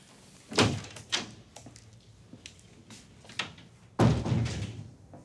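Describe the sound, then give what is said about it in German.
A door is handled with a few sharp clunks and rattles, then shuts with a loud, resonant slam near the end, with no one speaking. “Andere Tür.”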